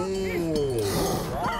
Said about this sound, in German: Ist das etwa die Kuh von den Gleisen? Scharf beobachtet, mein Herr! Es hat sich herausgestellt, dass sie mitfahren wollte.